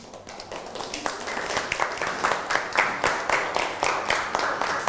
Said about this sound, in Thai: นั่งลงนะครับปรบมือให้กับเพื่อน